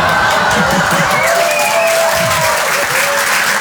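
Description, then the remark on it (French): A crowd applauds loudly and steadily, dense clapping filling the whole few seconds, with faint cheers and voices rising through the noise. “Ouais, là, j'adore, parce qu'en général, les femmes applaudissent et eux, ils disent « Mais quelle connasse !»”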